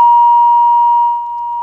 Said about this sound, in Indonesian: Iya, terputus rupanya ya untuk telepon.